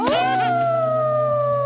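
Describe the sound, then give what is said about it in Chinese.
A fierce wolf-dog chasing people on a cliff lets out one loud howl that swoops upward at the start and then holds a long, steady wavering note, with no talking. “没错，但我的麻烦不止头上这顶臭鼬帽，我们正在悬崖上被一只凶猛的狼狗狗追逐呢。”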